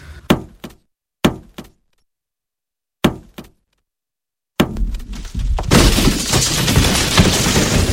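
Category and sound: sound effect, wall being knocked through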